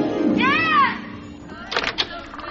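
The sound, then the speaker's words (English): A few quick thumps of a front door being knocked or opened, right after a rising and falling vocal-like wail, with a voice mixed in. “Someone's at the front door, sweetheart, playing a stupid joke.”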